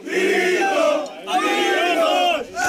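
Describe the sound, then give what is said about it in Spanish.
A group of Spanish Legion soldiers on a bus returning to their base at Viator cheer and chant for Vito Quiles in loud, rhythmic bursts, three surges of massed shouting with short pauses between them. “Se trata de un vídeo subido a redes por el propio Vito Quiles en el que se ve a un grupo de legionarios junto a él vitoreándole mientras grita a por los rojos, y que fue grabado en el autobús en el que los militares iban a volver a su base de Viator”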